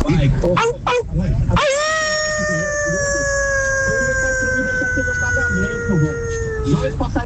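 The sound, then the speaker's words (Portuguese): A person imitates a dog's howl: one long, steady, drawn-out wail with a rich harmonic tone, held for several seconds, after some brief vocal noises at the start. “Se fosse lobo, era 10. Como é cachorro, 5.”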